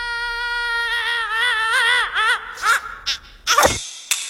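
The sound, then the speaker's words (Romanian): A high, squeaky cartoon minion voice lets out a long wavering scream that warbles and rises, breaking into a few sharp yelps before ending with a short squeal. No one else speaks. “Da, minionul a țipat!”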